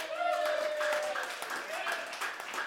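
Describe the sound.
An audience applauds steadily, a dense wash of clapping mixed with cheering and shouting voices, one drawn-out high whoop rising above the crowd early on.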